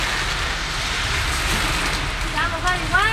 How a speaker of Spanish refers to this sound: Se largó a llover con fuerza, al menos en Viña y Valparaíso, borde costero. Ahí está, es el sonido de la lluvia.